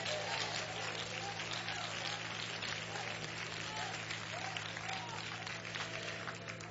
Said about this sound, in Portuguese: Pode sentar, pode sentar e louva o Senhor com as mãos, mas dê uma salva de palmas bem forte para Jesus.